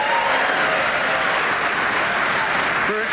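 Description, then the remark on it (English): A theater audience at the Studebaker Theater in Chicago, Illinois, at NPR's Wait Wait Don't Tell Me, applauds steadily, a loud, dense wash of clapping with some cheering that holds at an even level throughout. “Person, this is amazing, because for every person applauding, the public radio fairy awards us $10.”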